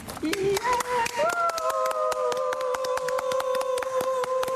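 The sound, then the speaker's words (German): Two people clap steadily in Lübeck to show how applause after a concert might sound, the sharp, irregular claps overlapping into a lively patter, while a sustained whistle-like tone holds beneath them and steps slightly higher partway through. “Und wenn ihr schon mal so einen kleinen Eindruck haben wollt, wie sich später ein Applaus hier anhören könnte nach einem der Konzerte,”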